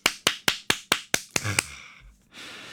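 About eight crisp hand claps in a quick, steady rhythm, fairly loud, followed by a brief low thump and a soft wash of noise.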